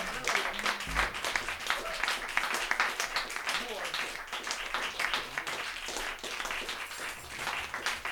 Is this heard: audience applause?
yes